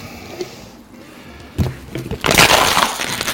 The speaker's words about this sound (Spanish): Así se tira una botella de agua de plástico. Se comprime y así ocupa mucho menos.